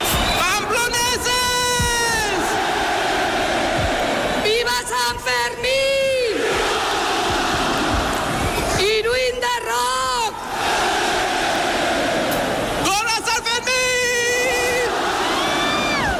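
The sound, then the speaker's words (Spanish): A large festival crowd roars and cheers in four loud, surging waves as the rocket fuse is lit at 12 noon to open the Sanfermines festival, high shouts and whoops rising over a constant din of voices between each burst. “han prendido a las 12 del mediodía la mecha del cohete con el que han dado comienzo los sanfermines.”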